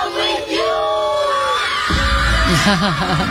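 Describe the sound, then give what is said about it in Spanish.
Young children of about five or six years old, dancing, scream and shriek together in loud, high-pitched overlapping voices that hold steady for a few seconds, then rise into excited, wavering yells amid crowd noise. “Sí, se lo merecían, y los gritos que dan.”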